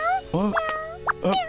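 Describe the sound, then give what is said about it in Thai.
A hungry kitten with a ribbon tied on it gives two short, high-pitched mews about a second apart, over a steady, faint buzzing hum in the background. “มีอะไรอย่างนั้นเหรอเจ้าแมวเหมียว”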